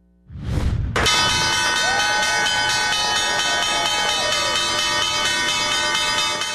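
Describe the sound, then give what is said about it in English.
A loud, sustained electric bell rings continuously with a bright metallic buzz as Secretary of State Marco Rubio rings the opening bell at the New York Stock Exchange, over the cheering and applause of a crowd. “Moments ago, Secretary of State Marco Rubio rang the opening bell at the New York Stock Exchange.”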